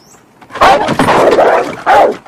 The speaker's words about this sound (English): Back at the Bueller house, Rooney eyes the dog chewing on his shoe through a hole in a tall wooden gate that separates them. He squints, then peers over the top, only to be scared off by the agitated dog.